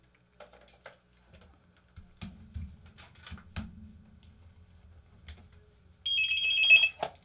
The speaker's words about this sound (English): Well, there goes the phone finally. I thought, Lord, we're going to be out of stuff to do before anybody calls back.